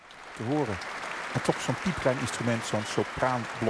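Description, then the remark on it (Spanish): Enthusiastic applause fills the large hall of the Concertgebouw after Lucie Horsch's recorder performance of a work originally written for oboe. A dense, steady wash of clapping carries on throughout while a voice speaks over it. “Continuaban los aplausos entusiastas en esa gran sala del Concertgebouw para la increíble y virtuosa interpretación de Lucy Horsch a la flauta de pico de una obra en origen escrita para oboe.”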